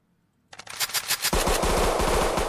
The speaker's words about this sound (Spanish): El sonido de las balas interrumpió abruptamente la tranquilidad del recinto.